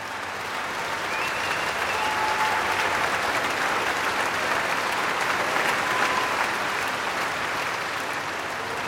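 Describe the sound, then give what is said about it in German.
Sustained, dense applause from a concert audience celebrating the soloist and orchestra at an opening concert of the Lucerne Festival in the KKL, a steady roar of clapping that holds at an even, loud level throughout, with faint whistles or cheers rising briefly above it. “Solist und Orchester werden hier wirklich gefeiert vom Publikum, das ein ziemlich anderes Musikmenü bekommt als auch schon für Eröffnungskonzerte am Lucerne Festival.”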